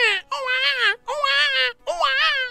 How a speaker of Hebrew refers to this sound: הלילה פרס את כנפיו על טריפולי שבלוב. באחד הבתים נשמע קולו של ילד בוכה. אמו קמה להרגיעו, אך בחיו לא פסק.